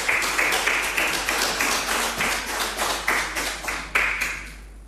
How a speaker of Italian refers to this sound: facciamo un fortissimo applauso.